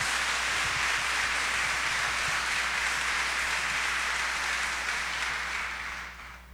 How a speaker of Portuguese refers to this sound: Acolhendo a todos, acolhendo você que está aqui lotando a Basílica Histórica e você que dá o carinho da sua audiência pela nossa rede de comunicação, com aquela salva de palmas calorosa, fraterna.